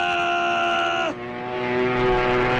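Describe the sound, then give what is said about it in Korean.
A loud propeller-engine drone with a steady whining pitch suddenly drops lower as the airplane passes, then continues as a rougher, rushing roar while flying away. No voices. “곽선은 점점 무르져가는 비행기의 꼬리 쪽에 대고 기관단총을 휘둘렀다.”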